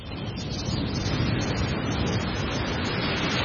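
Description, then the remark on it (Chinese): A steady roar of ocean surf washing onto a beach, broad and hissing with a gentle swell in loudness and no distinct breaks between waves. No voices are heard. “在大热天时的时候咧，听下呢啲海浪声咧，都有种好凉快嘅感觉啊！”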